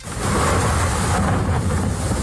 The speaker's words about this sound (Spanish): Y esto es otro sonido, podemos llamar sonido de ambiente, no, pero es sonido de lluvia. del temporal, de las tormentas de esta pasada noche. No dan tregua, ¿eh?